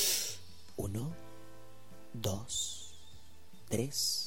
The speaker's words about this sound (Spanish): Hay que contar, hacer una respiración. Inhalamos 4 segundos y empezamos con la inhalación.